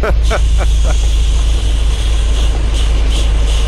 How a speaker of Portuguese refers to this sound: É o som, da chuva. É o som da chuva na boleia do nosso ouvinte.